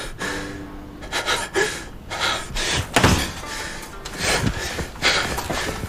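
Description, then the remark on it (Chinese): A door slams shut with a heavy thud midway through as someone storms out, ending a confrontation. It is surrounded by sharp gasping breaths and rustling movement, with no one speaking. “黄明的坚持让这场对峙以庄超英的摔门而出仓促收场。”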